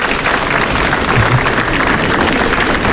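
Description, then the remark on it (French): An audience breaks into steady applause to show they know the TV show Y Prétend, a dense wash of many hands clapping at once, loud and continuous throughout with no voices standing out. “Est-ce qui ça, par applaudissement, il connaît l'émission Y Prétend?”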